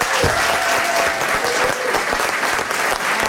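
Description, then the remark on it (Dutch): Sustained, loud standing ovation from a large audience for author Tine Hens, a dense steady wash of clapping with scattered sharper claps and a faint high whistle-like tone running through it. “Vandaar onze staande ovatie voor Tine Hens.”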